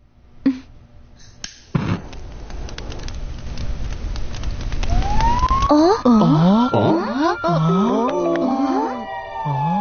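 A fire truck siren wails loudly, rising and falling in repeated sweeping tones over a rumbling engine, preceded by a few sharp knocks and growing noise.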